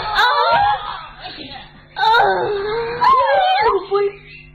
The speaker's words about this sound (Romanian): Ai speriat-o încă o dată. Și tu iar plângi?